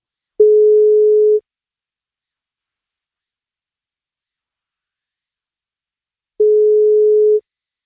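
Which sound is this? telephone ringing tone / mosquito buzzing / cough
telephone ringing tone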